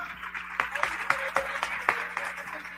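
A crowd applauds a visiting teacher (maestro) steadily, a dense wash of many hands clapping at moderate loudness, with a few sharper claps standing out now and then.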